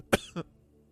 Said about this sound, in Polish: Przepraszam. Zaczynam kaszleć jak Ator.